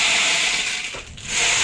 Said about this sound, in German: Ja, es ist eigentlich ein Percussion-Instrument. Das kann man auch kombinieren. Genau. Oh. Klingt wie ein Regenmacher, so ähnlich ist es auch.